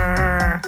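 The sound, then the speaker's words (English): A rockfish gives a single loud, low croaking grunt, buzzy and rough-edged, heard on its own for under a second. “And eavesdropping on rockfish to tell one type from another. It sounds like this croaking, grunting.”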